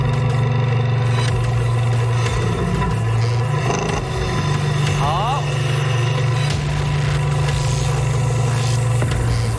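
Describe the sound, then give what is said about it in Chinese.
A forklift engine idles with a steady, low, continuous drone that holds throughout, with faint background voices and movement mixed in, as the forklift's arm sets a car down on a tower of glasses during a challenge. “为了安全，当汽车摆放在玻璃塔上去，叉车臂只要离开车体2厘米以上，就可以开始倒计时。”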